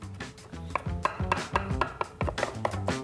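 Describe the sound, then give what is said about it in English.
A knife chops a sliver of garlic and pinches of basil on a cutting board for a salsa rosa red sauce, in quick, steady strokes, roughly three per second, crisp, with soft tonal music playing underneath and no talking. “So just keep chopping.”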